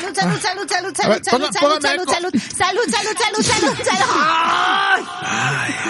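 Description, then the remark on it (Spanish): A loud, drawn-out vocal sneeze bounces back as a string of echoing repeats that overlap and fade, ending in a sustained voiced tone. “Salud. Qué bonito es tornar con eco.”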